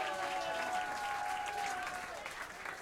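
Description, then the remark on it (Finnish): Steady applause from an audience, a dense wash of clapping that holds at a fairly even level for a few seconds, with a faint sustained tone running underneath. “Taputtakaa hälle, hän kuvartaa.”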